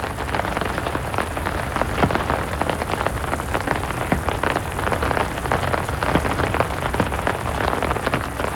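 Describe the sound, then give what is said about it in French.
Heavy raindrops pour down steadily in a garden, drumming on a small garden shed: a dense, loud patter of countless overlapping hits with sharper individual splats poking through, continuous from start to finish with no voices. “Oh, elles sont fortes, ces gouttes d'eau. Tout ensemble, elles font un bruit, un gros bruit.”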